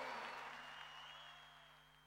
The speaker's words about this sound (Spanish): ¡Fuerte el aplauso,